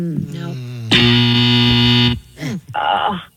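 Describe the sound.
A loud, harsh game-show wrong-answer buzzer blares once for about a second, cutting in between bits of people talking before and after it.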